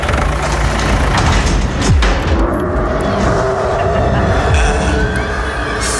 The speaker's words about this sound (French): Ah bah, faut croiser les doigts, les orteils, et puis bah on monte à bord de notre tracteur du coup